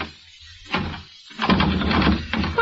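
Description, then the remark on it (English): Someone tugs and jiggles the doorknob of a bolted door, a short thump followed by a longer burst of rattling and clattering against the frame, moderately loud, with no voices. “The door's bolted, you dope.”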